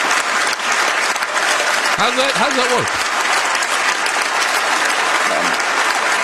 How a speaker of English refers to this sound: Stop clapping. I want to hear the man. Stop clapping. I want to hear him Canada, speak.